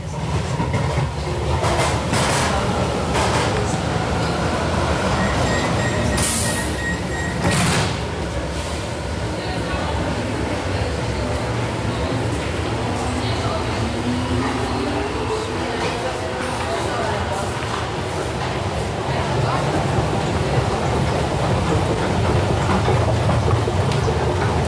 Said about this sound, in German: Eine Rolltreppe in Station Hietzing, U-Bahn 4, zur Brücke, früher Hietzinger Brücke, seit Jahren aber Kennedy-Brücke.